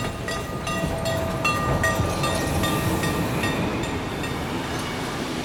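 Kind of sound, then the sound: vehicle, train running on rails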